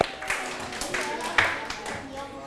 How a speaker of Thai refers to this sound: ทุกกลุ่มตอบถูกหมดเลยปรบมือให้ตนเองครับ